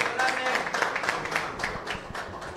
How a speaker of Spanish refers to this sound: Aplauso para Messi, señoras y señores.